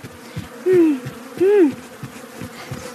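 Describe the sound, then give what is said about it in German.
Bees buzz steadily in a droning hum at Pinky's bee farm, with two louder passes as insects fly by, swelling and fading in pitch over the continuous background buzz. “Da ist ja schon Pinkys Bienenfarm.”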